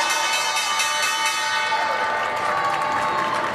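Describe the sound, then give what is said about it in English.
A loud, continuous electric bell, the New York Stock Exchange opening bell rung by the Smithsonian National Air and Space Museum, rings steadily for several seconds, its bright metallic tone unbroken, over a wash of clapping and crowd noise. “The bell's ringing into the trading day at the NYSE.”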